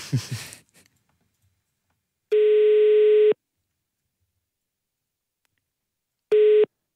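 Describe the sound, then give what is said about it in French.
A telephone ringing tone on a call placed live on radio Vivacité's show On n'est pas des pigeons: a steady, loud mid-pitched buzz lasting about a second, then a long silence, then a second burst that cuts off quickly. A brief rustle comes first. “Oula, ça sonne bizarre. Ah, ça sonne mieux.”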